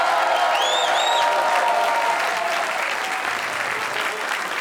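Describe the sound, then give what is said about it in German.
Hundreds of people in a festival tent in front of the Radio Niederösterreich broadcasting house in St. Pölten applaud steadily at the start of a long night of folk music. A dense, even wash of clapping holds for several seconds, with a couple of brief whistles rising early on. “Ja, Sie hören es und Sie sehen es, meine Damen und Herren. Hunderte Menschen hier bei uns im Festzelt vorm Funkhaus und die freuen sich schon auf 3 Stunden Tradition, Volkskultur und natürlich Volksmusik, wie der Name schon sagt.”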